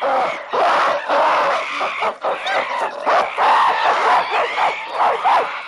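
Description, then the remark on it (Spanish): Two families of monkeys at a waterhole scream and shriek aggressively at once, the residents defending their water against invaders, in a loud, dense chorus of overlapping calls that continues without a break, with a brief dip near the middle. “Los habitantes de la charca tratan de defender su agua dando saltos y gritos intimidatorios.”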